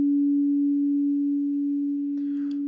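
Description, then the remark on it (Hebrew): A steady, clean synthesized pure tone at a low-mid pitch hums continuously and evenly throughout, with a faint burst of higher noise appearing briefly near the end. “זה הגרסה המסונטזת שלו, הנקייה, 285 הרץ. זה צליל שיוצא בין רי לדו דיאז, ממש בין לבין.”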